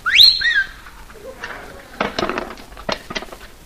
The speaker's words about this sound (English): You know what I did today? I learned a whistle. Have you really learned a whistle? Yes, I learned a whistle. Listen.